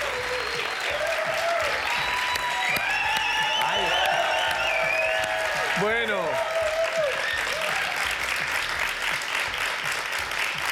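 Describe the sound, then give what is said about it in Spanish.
Steady, sustained audience applause for a final message fills the whole stretch, dense, with cheers and whoops rising above the clapping and a brief spoken word near the start. “Aplaudamos a este mensaje final.”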